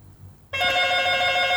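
After a quiet moment, a loud telephone ring starts abruptly and holds steady, a bright electronic bell tone with dense harmonics filling the rest of the moment, alone.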